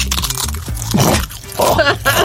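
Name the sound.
knee joint crunching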